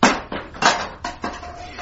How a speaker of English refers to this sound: The cat put back its ears and fled. It jumped at the fence, missed its footing, and fell with a clump and a clatter among a pile of discarded plastic plant pots.